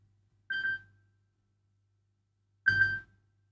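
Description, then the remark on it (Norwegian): Two short bursts of a telephone ringing, about two seconds apart, each a bright buzzing tone with rattly overtones. Nothing else is heard between the rings, and no one speaks. “Det ringer.”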